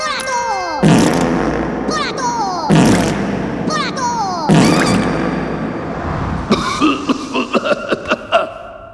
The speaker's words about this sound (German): Für Ihre langjährigen treuen Dienste feuern wir 21 Furzwellen-Salutschüsse ab.